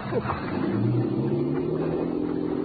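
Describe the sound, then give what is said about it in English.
A motorboat engine drones loudly and steadily as Saria leaves with the boat, its pitch wavering slightly as it revs and pulls away, a continuous low rumble with no voices over it. “There goes that luscious cookie Saria with the boat.”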